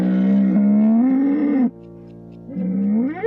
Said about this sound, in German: Der Stapel der Beschwerdebriefe über das Nebelhorn von Cloche ist eindrucksvoll.